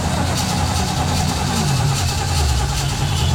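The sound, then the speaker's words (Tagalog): A jeepney's engine rumbles steadily, its low drone rising slightly in pitch partway through as if throttling up, with a constant loud mechanical hum throughout. The jeepney has just been refuelled but is already out of gasoline. “Bago bagani ko ng pagas, wala na ilain gasolina, jeepney.”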